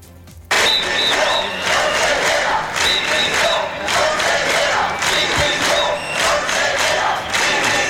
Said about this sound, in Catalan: Amb la concentració de centenars de professors, professores i alumnat a les portes de l'Ajuntament abans de l'inici del plenari, minuts després han entrat dins del plenari, és este so que escoltaven, han interromput durant uns pocs minuts la sessió.